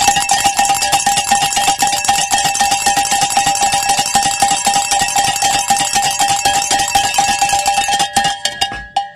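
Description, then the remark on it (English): A bright metallic bell, rung as a celebration prayer on 89.7 FM radio, rings in a rapid, steady clatter for about eight seconds, loud and continuous with sustained ringing tones, then stops abruptly with a few final strikes. “I want to pray this bell ring a celebration prayer, but with time on the clock, we are not done.”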